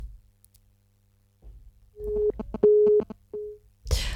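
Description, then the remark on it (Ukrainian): Telephone line tones with no answer on the second call attempt during a radio call-in broadcast: three short, steady mid-pitched beeps separated by brief gaps and mixed with clicks, after a low hum, ending in a sudden burst of hiss. “Це прикро, ну, але будемо намагатися далі, бо вже другий дзвінок, одні гудки.”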